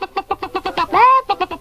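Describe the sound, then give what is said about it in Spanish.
An old hen clucks in a quick, steady string of short notes, breaks into one drawn-out rising squawk, then resumes clucking; loud, with no talking. “Pongo dentro de este lado una vieja gallina.”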